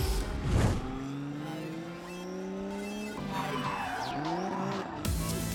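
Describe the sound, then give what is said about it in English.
A drift car skids with loud, sustained tire squeal, its engine revving and pitch sliding up and down across several seconds, intense, with no talking. “Let's kick it into high gear as we check out some of these fire-breathing drift machines.”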